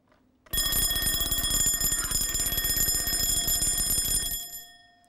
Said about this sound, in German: Dieser elektrische Wecker bezieht seine Energie aus einer Batterie. Dies ist eine chemische Form von Energie. Damit wird eine Uhr und ein Läutwerk betrieben.